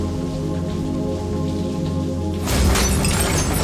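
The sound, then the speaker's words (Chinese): Steady heavy rain over a low, droning rumble, then a sudden loud crack of thunder bursts in partway through and the downpour roars louder to the end. No one speaks. “那天也是这么大的雷，你使劲拍门，邻居都听不见。”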